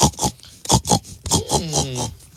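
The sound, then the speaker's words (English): A person imitates a pig as a game-show answer naming a farm animal by its sound, making a series of rough, snorting oinks followed by a higher, nasal squeal-like grunt, about five bursts in quick succession. “Would that be a pig? That would be a pig.”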